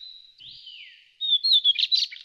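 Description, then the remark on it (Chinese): A lesser shortwing sings: a thin, high whistle that slides softly, then a louder, rapid burst of sharp, jumbled notes. There is no talking. “好清脆的声音，这种鸟叫小翼鸫。”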